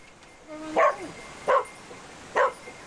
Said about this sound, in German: Bellen bedeutet, dass der Hund jetzt hier eine Person wahrgenommen hat und dementsprechend hier jetzt auch die stärkste Witterung austritt und dementsprechend der Hund hier jetzt anzeigt, dass eben hier eine Person ist.